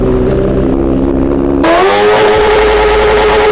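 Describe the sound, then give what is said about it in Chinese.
A motorcycle with a modified exhaust, tested with a decibel meter by environmental monitoring staff in Haidian District, idles with a deep throb, then the throttle snaps open into a sharp rev that holds as a harsh, sustained roar; idle measured at 91.1 dB, peaking at 114.9 dB. “我们拿着专业的分贝测试仪，咱们现在测试一下这辆车，就这辆改装过的摩托车，啊，它这排气管在咱们点火拧油门的情况下能达到多少分贝？”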